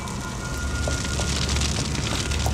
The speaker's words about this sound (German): Hilfe! Feuer! Feuer! Hilfe! Hilfe!